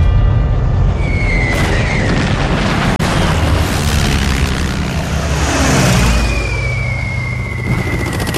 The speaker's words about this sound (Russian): В 43-м году генерал Чуйков попал под бомбежку. Сразу несколько немецких самолетов наносили удары по укрытию, где находился полководец.